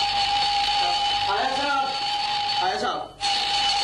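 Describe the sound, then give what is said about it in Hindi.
An alarm clock rings on a Sunday morning in the Hawa Mahal play "Bahadur ki Shadi", as a steady, shrill electric buzz that continues throughout, cutting out for a moment near the end before resuming. A man speaks briefly over it. “Good morning के लगते alarm बंद कर, ये आज अलार्म क्यों लगाया है?”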